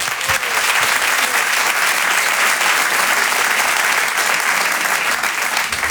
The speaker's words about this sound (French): C'est un stand-upper, je vous demande de l'applaudir très fort également,